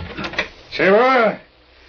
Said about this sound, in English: And then I'd barely gotten upstairs when I heard the front door open.